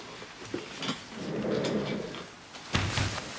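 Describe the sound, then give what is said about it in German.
A door is pushed shut, with a soft rumbling scrape and a firmer knock near the end, quiet, with no talking. “Können Sie bitte die Tür schließen?”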